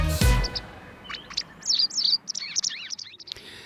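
Bright, busy bird song of rapid chirps and warbling whistles, heard clearly, following a brief low thump at the start, with no voices.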